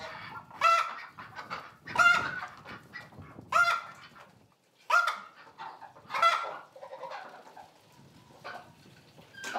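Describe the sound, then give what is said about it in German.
Ducks and geese on a Hallig, housed in a sheep barn, call loudly in a series of harsh, honking bursts, about six of them spaced irregularly, with fainter quacking and chatter in between. No one speaks. “Die Enten und Gänse müssen in den Stall.”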